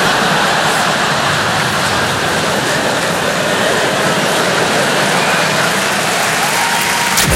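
A crowd applauds steadily, many hands clapping into a dense, loud wash of sound that holds at the same level for about seven seconds, with no voices on top.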